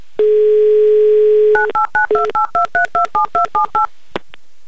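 A steady telephone dial tone hums for over a second, then gives way to a quick run of about a dozen touch-tone dialing beeps, each a short two-pitched tone, ending with a faint click.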